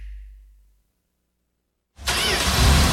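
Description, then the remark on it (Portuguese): A low engine rumble fades into a pause of silence, then a car engine bursts to life, roaring loudly and steadily to the end. No one speaks. “O motor esquentou. Não espere fundir.”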